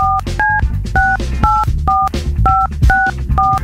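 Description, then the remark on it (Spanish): A phone number is dialed: about eight short, bright two-tone keypad beeps in a fairly steady rhythm, each note shifting in pitch, over a low, continuous rumbling background. “Entonces, ahorita, márcale, por favor.”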